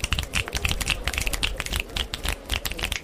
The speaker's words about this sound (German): Denn, genau wie beim Schnipsen, wird auch beim Klatschen die Luft zwischen den Händen sehr schnell zusammen oder besser gesagt weggedrückt. Schnipsen ist also sowas wie Klatschen mit nur einem Finger.